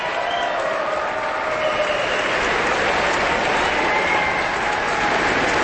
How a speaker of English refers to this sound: The audience, of course, is on its feet, applauding wildly, section by section, as the different groups of the orchestra stand up at Robert Spano's direction.